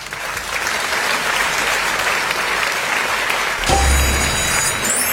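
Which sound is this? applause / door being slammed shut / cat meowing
applause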